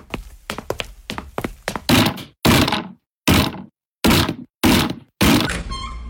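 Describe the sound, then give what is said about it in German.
Several men batter in a door by force with heavy wooden blows: several rapid thuds, then five or six loud, evenly spaced crashing impacts with splintering, ending as the door gives way with a creaking scrape. “Ihr habt es nicht anders gewollt. Männer, demoliert die Tür!”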